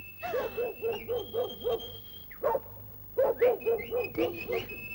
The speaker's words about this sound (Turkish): köpeğim, hav hav hav, sana mama vereyim, hav!